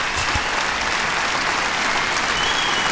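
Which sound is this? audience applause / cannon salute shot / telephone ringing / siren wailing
audience applause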